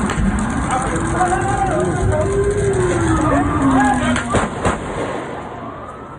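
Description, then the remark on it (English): In Times Square, a siren wails over a noisy street crowd, then two or three sharp gunshots crack close together near the end, echoing briefly before the background murmur continues. “The sirens, the clapping of the knives, and then the fatal shots.”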